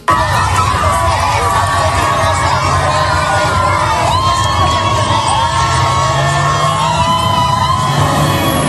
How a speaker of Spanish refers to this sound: Alegría, gritos y cánticos de los aficionados.